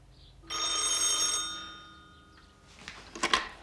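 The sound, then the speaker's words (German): A telephone bell rings once in a long, bright metallic burst with shimmering harmonics, fading out over a second, followed by a few soft clattering knocks. “Nun klingel doch endlich.”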